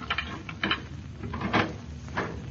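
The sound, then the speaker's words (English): A key rattles and turns in the lock of the door of a home, giving several sharp metallic clicks and scrapes spaced over a couple of seconds as the door is unlocked and pushed open. No voices. “No, we'll just use our key.”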